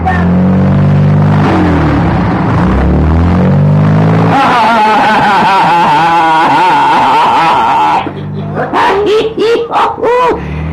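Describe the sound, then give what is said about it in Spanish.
A car engine revs hard, its pitch climbing and dipping as it accelerates, loud and continuous, then breaking into shorter bursts near the end with voices mixed in. “Púyele ese carro, un gañote.”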